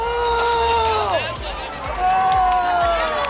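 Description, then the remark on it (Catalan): Protesters shouting on Trampolín beach while burning part of a settlement of huts and tents, carrying long sticks: a loud, continuous crowd roar, with raised voices rising and falling over a dense babble and occasional sharp knocks or bangs. “Aquests eren els crits d'alguns dels manifestants mentre cremaven part de l'assentament, també amb bastons llargs a les mans.”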